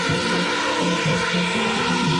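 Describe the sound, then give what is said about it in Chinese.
A dense, steady whirring drone of 520 small drones flying overhead and lining up into position for a light formation show. It is loud and continuous, with a layered buzzing hum that holds evenly throughout and no talking. “哦，朋友们看看看看看看看，我们的知名无人机团队已经起飞了。”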